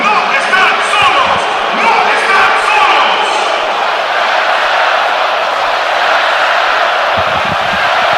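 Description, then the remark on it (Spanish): A huge stadium crowd chants and applauds in one loud, unbroken roar that fills the whole stretch, responding to applause from FIFA president Gianni Infantino in the authorities' box; the stands chant "no están solos" in support of Venezuela. A few deeper thumps rise out of the din near the end. “Y el estadio responde espectacularmente ante el aplauso del jefe Gian Infantino, posicionado junto a Mikel Arriola en el palco de autoridades, el máximo jerarca de la FIFA,”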